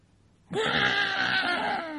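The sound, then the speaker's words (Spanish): A voice imitates a baby girl crying: after a brief quiet moment, one loud, drawn-out wailing cry rises in pitch and holds steady for about a second and a half. “Y la mamá ahí en el colchón, mi hijita linda, está llorando.”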